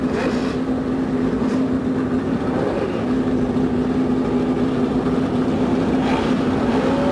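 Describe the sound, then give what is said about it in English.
A loud, steady roar of 35 normally aspirated race car engines starting together along the main straightaway at the Indianapolis Motor Speedway in 1997, a dense continuous drone with a low humming pitch that holds for the whole stretch, with no voices over it. “The roar from 35 normally aspirated engines goes up along the main straightaway here at the Indianapolis Motor Speedway.”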